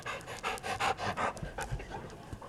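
Bear, the therapy dog of Melbourne High School in Arkansas, pants rapidly, with quick rhythmic breathy huffs repeating steadily through the short moment, no voices present.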